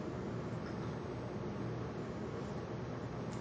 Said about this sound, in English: The older they get, the harder it becomes to detect higher frequencies. Young people, on the other hand, have no problem with that. The sound that it's too high. But anyway, it's a ringtone where, say, you could hear it, and I don't hear it, so.